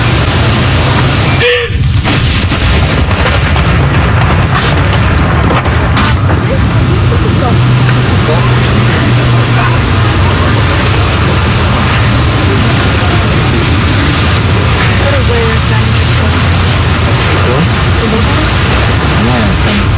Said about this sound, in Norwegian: Andre kanon!